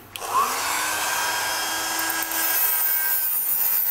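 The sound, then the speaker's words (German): A small electric grinder whirs up and holds a steady, high-pitched abrasive buzz for several seconds as it grinds down a sleeping animal's continually growing teeth, smoothing the ground edges so they are not sharp, with no talking. “Ich habe das jetzt mal ein bisschen glatt noch geschliffen, ja, damit die Schleifkanten nicht so scharf sind.”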